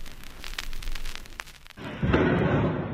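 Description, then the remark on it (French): Dull explosions from a barrage of targeted strikes in the night in Ukraine: scattered sharp cracks and thuds give way to a heavy, sustained rumbling blast that rolls on loudly to the end, with no voices. “Des éclairs de feu dans la nuit, des explosions. Ce sont ces bruits sourds d'un autre temps qui ont réveillé les Ukrainiens.”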